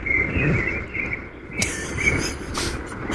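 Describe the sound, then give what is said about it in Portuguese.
Rufous-bellied thrushes sing in clear, fluting whistled phrases at dawn in the city of São Paulo, Brazil, soft over a steady low rumble of city traffic, with a couple of brief hissing bursts. “Que são sabiás, laranjeira, né? Acordando e despertando a cidade de São Paulo, é bastante comum isso.”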